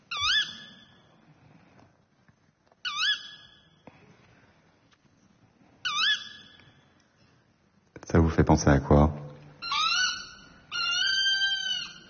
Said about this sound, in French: Un oiseau nocturne. Une chouette. Ouais, le petit duc. Le grand duc. Chevêche. On va tous les faire. Hulotte. Ouais, c'est la hulotte.